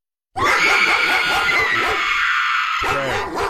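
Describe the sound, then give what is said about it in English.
A pit bull barks and yowls loudly, a harsh, almost unbroken burst of high, strained vocalizing for about three seconds, with a brief break near the end and no talking. “Yeah, that'd be a pit bull.”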